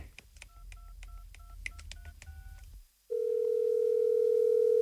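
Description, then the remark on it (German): A phone dials a call to a father with a quick series of short keypad tones, then falls silent briefly before a steady, loud ringing or line tone holds continuously. “Ruf Papa an.”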